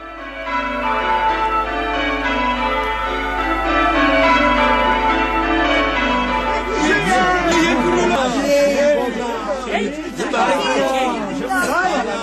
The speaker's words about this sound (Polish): We wszystkich kościołach biją dzwony.